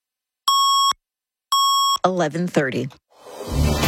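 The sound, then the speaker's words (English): Two identical double-tone time signal beeps from 680 News radio in Toronto, marking 11:30, each a loud, steady mid-pitched tone about half a second long, spaced a second apart, followed by a voice speaking and then a rising noisy burst. “680 News time at the Double Tones.”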